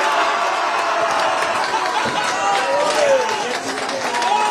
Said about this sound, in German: Und in der Innenstadt waren die Kneipen voll mit Fans, die das Spiel gemeinsam geschaut haben. Nach dem Abpfiff war der Jubel natürlich groß.